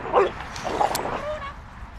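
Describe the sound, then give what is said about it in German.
Two female dogs yelp and bark in short, sharp bursts amid scuffling noise as the younger one plays roughly, jumping at the older one's face; a thin whine trails off near the end. “Sie springt der älteren Hündin gegen das Gesicht und wird immer ruppiger.”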